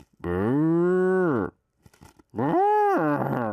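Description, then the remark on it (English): A person does two long, deep vocal moos in imitation of a cow, loud, with a brief breathy pause between them. “This is my cow sound.”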